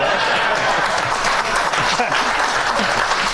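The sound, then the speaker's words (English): A crowd at an event for Texas Senate candidate James Tallarico claps and cheers steadily, a dense, loud wash of applause with scattered voices shouting and murmuring underneath throughout. “Wow, this is a passionate crowd”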